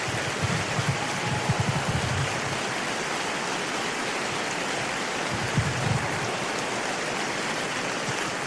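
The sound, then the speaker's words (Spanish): An audience applauds together in worship, giving the applause to the Lord, a dense, steady wash of many hands clapping that holds at an even level for about eight seconds, with no voices on top. “Y ahora, Señor, te damos este aplauso exclusivamente para ti.”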